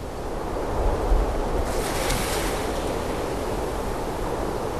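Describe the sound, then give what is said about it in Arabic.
Steady ocean surf washes against a shore in Sri Lanka where fishermen fish, in a continuous rushing wash, with a gentle swell midway and some wind noise blowing across the microphone. No one speaks. “مياه شواطئ المحيط راكدة اليوم،”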